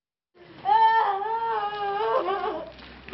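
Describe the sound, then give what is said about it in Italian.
A woman in Kramatorsk, in the Donbass region of Ukraine, cries out in a sustained, wailing sob for her grandchildren killed by a missile while playing in the yard, her voice rising and wavering with grief, fairly loud for a few seconds. “Questa donna piange i suoi nipoti uccisi da un missile mentre giocavano nel cortile di casa.”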